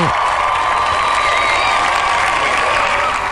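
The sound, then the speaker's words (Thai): Loud, sustained applause from a large crowd fills the whole stretch, a dense, steady wash of clapping with some cheering mixed in and no pauses, given in congratulation of a young girl who followed her dream. “ก็เป็นแบบว่าเด็กน้อยที่เดินทางตามความฝันแบบนี้นะคะก็ขอแสดงความยินดีแล้วก็ปรบมือดังๆให้กับน้องด้วยนะคะ”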